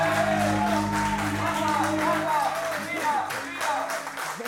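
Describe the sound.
A studio audience applauds steadily for a few seconds, the dense clapping sitting over a sustained musical backing, with some voices rising through it before the clapping thins out.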